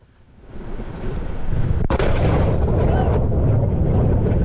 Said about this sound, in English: Blue Origin, the space company founded by former Amazon CEO Jeff Bezos, says it is investigating why its rocket exploded on a launch pad in Florida during a routine engine test.